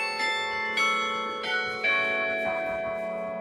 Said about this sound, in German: Das Glockenspiel der Berliner Parochialkirche wurde 2016 wieder zum Leben erweckt. Es ertönt aus dem neu errichteten Turm, der gegen Ende des Zweiten Weltkriegs infolge eines Luftangriffs ins Kirchenschiff gestürzt war.